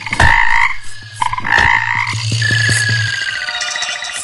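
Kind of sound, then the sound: animal, frogs croaking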